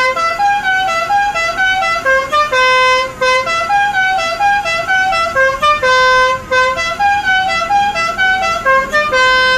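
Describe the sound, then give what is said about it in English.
A loud car horn plays a rapid tune of bright, brassy notes that step up and down in pitch, repeating continuously throughout with no talking. “Does anyone ever get annoyed by the horn?”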